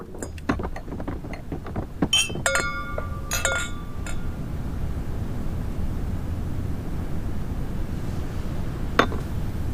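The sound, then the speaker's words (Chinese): Several glasses clink together in a toast in a quick flurry, their bright ringing tones lingering briefly over a low, steady rumble, followed by one last isolated clink near the end. “可喜可贺呀！干杯！”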